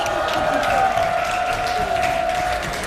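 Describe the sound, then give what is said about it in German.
A crowd standing in front of the Potzmusik stage on a hot day claps and shouts together in a steady, dense wash of applause and cheering that holds loud and even for the whole few seconds, with a sustained tonal hum running beneath. “Ihr lieben Leute, rufen mal und klatschen, dass wir euch hören.”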